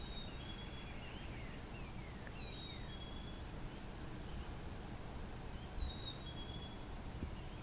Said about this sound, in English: Very musical. Mm-hmm. I don't know the name of this bird, but I am familiar with it. I also hear it at the cottage.